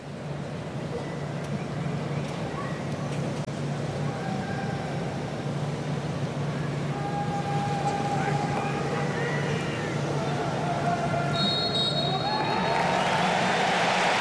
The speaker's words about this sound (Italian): Il direttore di gara, l'applauso con il quale si scioglie lo stadio e tutto è pronto per il via di Francia-Spagna.